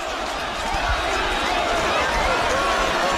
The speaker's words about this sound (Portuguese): Gritando o nome do Danilo, que vieram, os reservas vieram aqui para essa área do aquecimento, e aí tá todo mundo gritando o nome do Danilo.